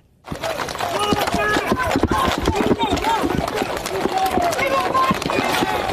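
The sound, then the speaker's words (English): Rapid, clattering hoofbeats of several mounted police horses moving into a crowd of protesters outside the Delaney Hall ICE facility in Newark, New Jersey, run continuously over a loud, dense crowd of raised, shouting voices, the whole scene busy and unbroken after a brief silent start. “Mounted officers moved into a crowd of protesters outside the Delaney Hall facility as tear gas appears to fill the air.”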